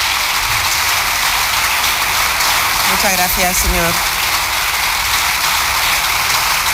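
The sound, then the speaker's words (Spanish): A long ovation in parliament during a session where the Partido Popular president questions the president of the government: sustained, dense applause from a large crowd at a steady loud level, while a man's voice briefly speaks a few words over it midway. “Larga ovación.”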